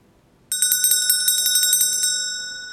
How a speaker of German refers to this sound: Ja, wenn ihr diese Glocke hört, dann müsst ihr genau aufpassen, wie viel Uhr es in dem Moment ist